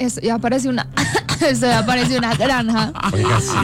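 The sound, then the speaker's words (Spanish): Loud pig oinks and grunting farm-animal noises, a steady run of snorts and squeals filling a few seconds with no one talking. “Se aparece una granja. Dios mío.”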